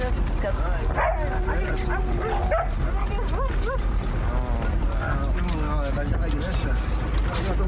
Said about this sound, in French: Ah, c'est mon chien, ça, mon chien, ça, c'est mon chien, ça.